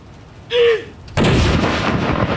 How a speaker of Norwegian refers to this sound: Alt utføres selvfølgelig med en enorm presisjon. Og det følges med på klokka. Og det kommandanten da, som leder denne avfyringen av disse saluttene. Første kanon!